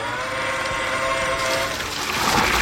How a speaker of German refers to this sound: Ja, das ist was Feines. Das ist nämlich Gießbert. Gießbert bei der Arbeit. Und Gießbert ist ein Gießroboter. Also sieht aus wie so ein großer Bollerwagen, nur da ist eben kein Bier drin, sondern Wasser.